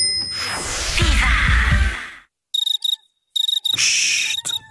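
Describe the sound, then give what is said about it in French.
A loud, rushing wash of noise fades out, then cicadas chirp in short, high, buzzing bursts, three pulsing rounds separated by brief silences, clear. “Écoutez, vous entendez ? En juin, tout le monde, même les cigales, parle des Summer Deals Citroën.”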